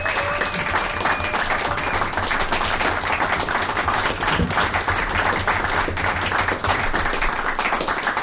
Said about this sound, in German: Das heißt, erstens einmal einen riesengroßen Applaus für das neue Organisationsteam der Jazzwerkstatt Graz